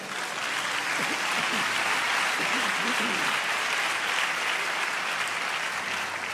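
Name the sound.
audience applauding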